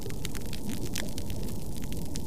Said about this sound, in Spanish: Pero los arrecifes no solo se vuelven más pálidos, sino también más silenciosos. Así suena un arrecife deteriorado.